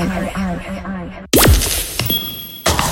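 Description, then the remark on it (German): A voice is briefly heard, then a sudden pop followed by glassy clinks and a thin ringing tone as the lid of a glass Nutella jar is twisted open. “Das Glas ist geöffnet.”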